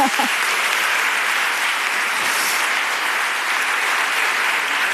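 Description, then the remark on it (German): An audience of Dörte Hansen fans in a hall claps steadily for several seconds, a dense, even wash of many hands with no single claps standing out, briefly overlapping a voice at the very start. “Einmal klatschen gibt's hier heute Dörte Hansen-Fans.”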